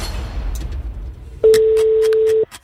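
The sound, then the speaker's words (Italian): One steady, mid-pitched telephone ring tone sounds loudly for about a second, the first ring of at most five in a call-in game, with a few faint clicks over it, after a stretch of low rumbling background noise. “5 squilli, signori, al massimo. Primo squillo.”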